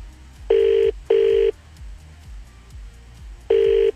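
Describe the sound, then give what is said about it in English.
An outgoing call from a Samsung phone rings unanswered: a double ringback tone, a long pause, then another ring begins, steady and fairly loud with no voices. “Are these fake numbers you have in your phone? Do none of your friends pick up?”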